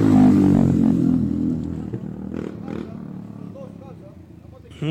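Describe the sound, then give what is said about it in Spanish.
A loud motorcycle engine revs hard at the start, then its growl slowly fades and drops lower, as young men gathered with their motorcycles hold street races in the Carpio sector at 1 a.m., with faint voices and a brief clatter in the background. “Ahí están, muchachos ahí reunidos, cada uno con sus motos, haciendo piques en el sector del Carpio.”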